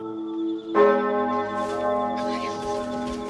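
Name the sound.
bell ringing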